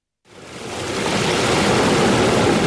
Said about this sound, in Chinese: 8月6号，随着埃里克塔木取水的电子闸门缓缓抬升，塔里木河的最长源流叶尔羌河河水奔涌而下，水流一路绵延超过350公里，在与和田河交汇后最终汇入塔里木河干流。